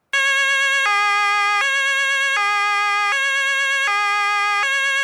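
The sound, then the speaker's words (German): A loud two-tone Martinshorn siren, made by the Martin company, on a fire engine blares, alternating steadily between a high and a low pitch about every three-quarters of a second, with no talking over it. “Aber halt dir die Ohren zu, denn das Martinshorn ist wirklich laut.”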